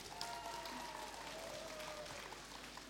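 Continuous crowd applause opening the presentation of Radio Ransis, Russia's first internet radio station for the blind: a dense, steady patter of many hands clapping at an even level for a few seconds, with a faint thin tone gliding above the noise.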